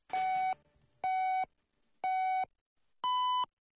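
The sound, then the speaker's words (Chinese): A radio time signal marking 12 o'clock Beijing time: four clear electronic beeps, one each second, the last pitched noticeably higher than the first three. The tones are loud with no talking. “现在是北京时间12点整”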